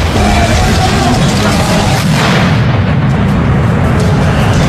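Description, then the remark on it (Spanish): Small dynamite sticks, thrown by protest marchers at police in the streets, go off outdoors with deep, booming blasts, loud, over a constant roar of crowd noise and shouting. “Una muestra de la violencia de la marcha evista es el uso de cachorros de dinamita.”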